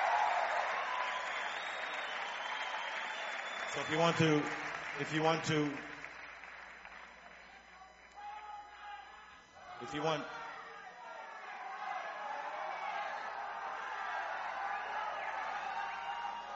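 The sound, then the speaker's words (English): A large concert crowd applauds and yells for more steadily throughout, a dense wash of clapping and yelling, while a man's voice speaks briefly over the noise a few times. “if you want to applaud, fine, but instead of yelling more and more and more, why don't you try sometime thinking that the musicians are here, they're hanging out, leave it up to them”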